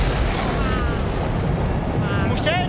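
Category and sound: nature, lightning strike thunderclap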